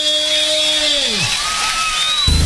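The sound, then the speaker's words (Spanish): An audience applauds and cheers in a steady, dense wash of clapping, with a few sliding whoops or whistles rising above it, staying loud throughout and swelling briefly at the end. “aplauso bien fuerte.”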